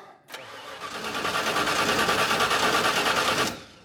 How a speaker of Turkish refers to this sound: Birkaç tur çalıştır bakalım. Çalıştırıyorum. Evet. Tamam, motor çalışıyor. Bu iyi bir şey.